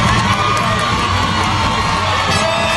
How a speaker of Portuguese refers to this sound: Na segunda tentativa, Casimiro subiu lá no segundo andar. Empate, delírio da torcida.